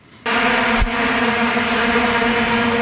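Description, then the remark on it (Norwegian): A loud, sustained drone of many vuvuzela horns blaring together, as heard in South Africa in 2010: a dense buzzing hum with steady pitched tones that starts abruptly and holds without pause, like a giant swarm of wasps. “Ja, vi må bli litt nostalgiske her, eller hvis ikke alle blir nostalgiske av dette her, for i Sør-Afrika ble vi veldig godt kjent med lyden av Vuvuzela i 2010.”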